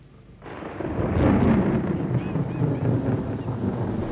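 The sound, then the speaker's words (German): A low, rolling rumble of thunder from a thunderstorm swells up after a quiet start and keeps grumbling steadily, loud and broad, with no one speaking over it. “Es gewittert.”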